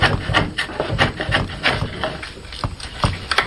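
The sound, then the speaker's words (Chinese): A chisel bites into wood in quick, uneven strokes while a qin (Chinese zither) is being carved and smoothed, each a short scraping knock, with a dry rasping rub between them, the steady working rhythm continuing throughout. “每一次落刀，每一次打磨，都是与木材对话，与寂静相处。”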